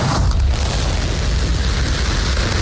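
A SpaceX Starship rocket launch on its 13th test flight roars steadily, a loud, continuous rumble with deep crackling bass that stays sustained throughout and never fades, with no voices over it.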